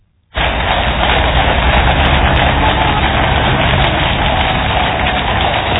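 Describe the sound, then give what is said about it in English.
Horses' hooves and carriage wheels of King Charles's horse-drawn carriage rolling through the rain in London, from Buckingham Palace to the Houses of Parliament for the formal opening of Parliament. A dense, steady rumbling wash that starts abruptly and holds at an even, fairly loud level, with no one speaking. “Horses' hooves barren, because it's London, the gentle sound of rain.”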